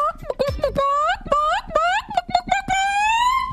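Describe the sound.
A person loudly gives a sample of chicken calling, as done at a chicken calling contest in Iowa: a rapid series of clucking, rising squawks ending in a long drawn-out cackle.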